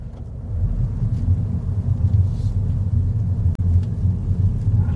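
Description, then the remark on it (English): A small three-cylinder BMW engine in a Mini with an automatic gearbox hums low and steady as the car is flicked into drive and pulls away, a continuous rumble with a brief dip partway through and no voices. “You flick it down into drive, and off we go.”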